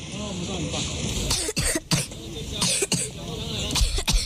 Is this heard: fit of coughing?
yes